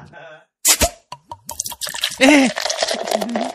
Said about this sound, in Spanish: ya se vino el agua, ¿qué procede?